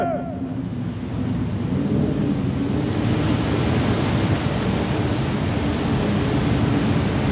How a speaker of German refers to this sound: Odysseus! Das Meer bebt! Sieh die Wellen! Das Meer tut sich auf!